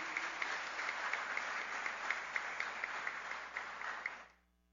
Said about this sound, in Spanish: un aplauso para ellos en este gran día.